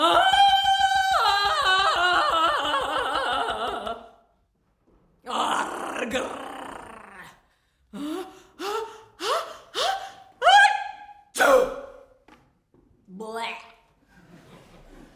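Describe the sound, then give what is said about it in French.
A lone voice performs a vocal piece using unconventional techniques, imitating comic-strip sound effects: a long wavering sung tone, then a noisy rushing burst, then a quick run of about five sharp, gasping pops and a few scattered short noises. “ici, un peu comme dans Sequenza, la voix qui ne chante pas des mélodies traditionnelles, mais vraiment explore des techniques vocales non conventionnelles, en reproduisant les bruits des bandes dessinées.”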